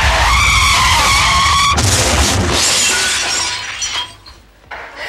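Tires squeal in a loud, sustained, high-pitched screech, then a car slams into something with a heavy crash, followed by shattering glass and debris clattering as the noise fades out.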